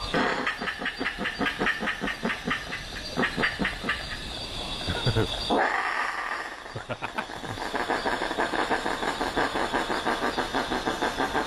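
Harsh, rapid rhythmic rasping and chattering of possums screeching and fighting in a roof, loud, with a brief lull midway before the throaty pulsing resumes.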